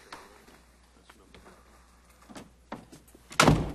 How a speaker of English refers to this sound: Shut the door.